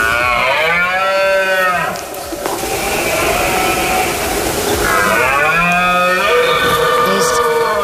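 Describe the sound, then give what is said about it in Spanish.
A red deer stag bellows during the rut (the berrea) in the countryside of the province: two long, loud, deep roars with a groaning, wavering tone, separated by a few seconds of rough background rumble. “Es la berrea, la época de celo del ciervo que atrae a cientos de visitantes hasta nuestra provincia”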